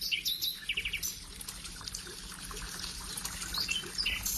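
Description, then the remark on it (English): River water in Suriname, South America, flows steadily with a broad, even rush while several birds chirp and trill overhead, their bright calls repeating in short bursts. No voices, just a lively outdoor waterside scene. “Yes, I'm taking y'all mentally to the beautiful rivers of Suriname.”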